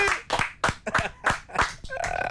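Hands clap in a steady, even rhythm, about seven sharp claps roughly a third of a second apart, fairly loud, with a brief voice rising at the end.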